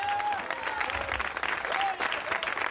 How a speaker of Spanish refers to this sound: No, hay que gozarse todo tiempo, hermano. Denle un aplauso al Señor, pues.